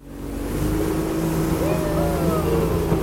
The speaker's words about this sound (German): Das kleine Holzboot liegt in die Kurve und beschleunigt, zur Freude der Touristen.